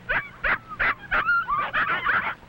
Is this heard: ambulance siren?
no